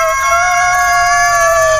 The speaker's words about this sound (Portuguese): Galo Polícia engasgou. Canta, Galo Polícia. Canta, Galo Velho.